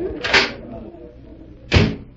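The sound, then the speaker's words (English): A door handle clicks and the door onto a terrace swings open with a soft thud, followed a moment later by a second, louder knock or latch sound, with a faint murmur between. “Here, this door opens, Arnold.”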